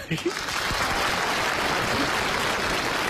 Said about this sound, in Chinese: 鼓掌。